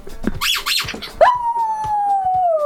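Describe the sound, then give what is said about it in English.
Poppy, a pet dog, howls in one long, steady note that slowly sinks in pitch, fairly loud, after a brief burst of mixed noisy sounds at the start. “I think that'd make a great jingle, just Poppy howling.”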